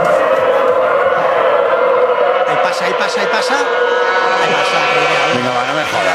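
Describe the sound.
Trainera racing rowing boats sweep past during free training sessions in Euskarrin, oars churning water in a dense, steady roar laced with droning, engine-like tones from oars rubbing against the water, loud throughout; a voice speaks briefly over it.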